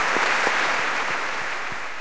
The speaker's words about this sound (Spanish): No hay mucho misterio en esta final. Un aplauso.